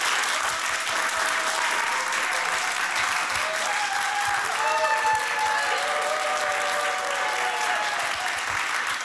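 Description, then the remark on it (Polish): A crowd of adults applauds steadily for about nine seconds as a requested practice round of applause, adults only, after the children's turn; a dense, even wash of clapping with a few faint shouts or whoops rising through the middle. “To spróbujmy zrobić próbę braw.”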